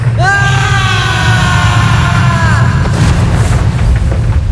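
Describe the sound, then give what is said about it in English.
A moving walkway drops to the main floor: a loud, steady low rumble runs throughout beneath a sustained mechanical whine that cuts off after about three seconds, followed by a rough, noisy rush. “Whoa, this walkway is moving. Hold on, it's going to drop.”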